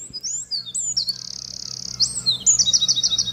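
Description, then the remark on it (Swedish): A Eurasian wren gives a clear, high-pitched call, phrases of slowly modulated whistling shifting into fast, rapidly modulated whistled trills as it mixes its motifs, running without pause over a faint low background hum. “Ja, det är en gärdsmygg det här.”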